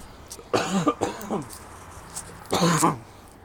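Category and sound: human body sound, a big cough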